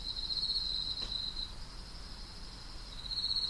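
Night crickets at the culture space Yang, Gogoro Village, Jeju, South Korea, chirp in a steady, high-pitched trill that fades slightly mid-stretch and swells again, heard alone over a quiet outdoor background with no voices.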